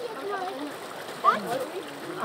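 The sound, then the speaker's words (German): Water from a mountain stream splashes and gurgles steadily into a bottle being refilled, with a brief louder splash midway, while a voice murmurs faintly underneath. “Bin ich jetzt echt froh, dass man hier nochmal auffüllen kann.”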